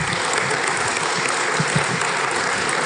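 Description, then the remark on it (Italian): A crowd applauds the protagonist of the day, a champion, and the director of a documentary film, a dense, even wash of many hands clapping at a constant loudness throughout, with no voices over it. “Accompagniamo con un applauso la protagonista di questa giornata”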